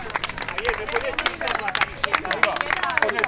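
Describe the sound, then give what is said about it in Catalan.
A crowd waiting behind barriers beside a hospital entrance claps steadily with dense, overlapping hand claps, mixed with excited shouting and cheering voices calling to Javier Bardem and Victoria Luengo. The applause stays fairly loud and continuous for the whole moment. “entre els quals Javier Bardem i Victoria Luengo, que cridats per la gent que està esperant darrere d'unes tanques aquí al costat de l'entrada de l'hospital, els han cridat, han aplaudit i ells han anat allà a fer-se unes fotos.”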